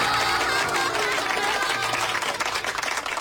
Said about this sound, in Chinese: 大家鼓掌。